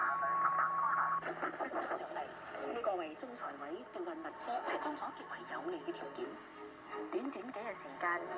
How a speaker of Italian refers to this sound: Ecco, quando sono in banda laterale e sento la stessa cosa, cioè questa voce un po' strana, con un fischio in sottofondo, allora sto ascoltando sicuramente una stazione broadcast. Quindi a questo punto devo switchare di nuovo in AM.